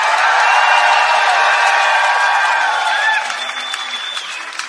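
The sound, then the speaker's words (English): A large crowd, called on to scream for Würzburg, roars, screams and cheers in a dense, loud wash of voices with high shrieks rising through it, holding strong for about three seconds before tapering off. “How about a scream for Würzburg?”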